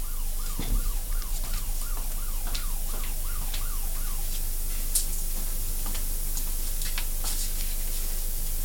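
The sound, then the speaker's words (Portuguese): A perimeter barrier alarm on the walls of Escola Ser sounds a rapid, warbling siren, its pitch sweeping up and down in quick repeated cycles for about four seconds before cutting off, followed by a low steady hum and faint clicks. “Lá na Escola Ser, eu tenho um alarme de barreira nos muros. E esse alarme, ele dispara quando dá um vento muito forte.”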